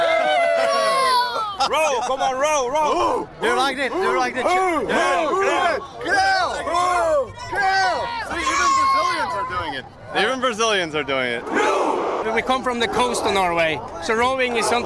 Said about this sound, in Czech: On sám je toho důkazem a k vikingskému pokřiku se nechávají strhnout dokonce i kolem jdoucí brazilští fanoušci.